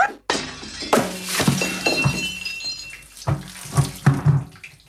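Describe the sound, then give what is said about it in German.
Water splashes and sloshes in a series of uneven bursts, mixed with clattering knocks, as a pot full of water is thrown down onto the floor. “Da hast noch einen Topf voll Wasser. Wirf den auch noch runter, dann kannst du den Boden auch gleich aufwischen.”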